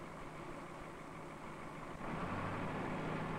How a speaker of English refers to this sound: While waiting for the operator to return, Harry starts the machine in order to judge the problem. While he waits for the engine to warm, Harry's thoughts drift to worries about his son.